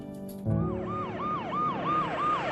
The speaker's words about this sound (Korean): 어둠이 깔린 병원으로 요란한 사이렌 소리와 함께 도착하는 구급차 한 대.